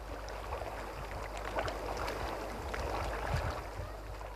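Steady wash of sea water lapping at a beach a little way from a hotel terrace, at 4 p.m. in hot sun, a continuous soft churning with gentle swells, heard from a short distance with a low rumble underneath and no voices.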